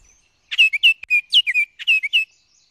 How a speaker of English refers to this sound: male orioles are also looking to get busy in every sense. Listen for their ever-cheerful song anywhere with some deciduous trees right now, especially near water.